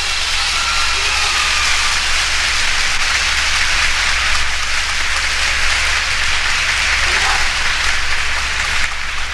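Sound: warm audience applause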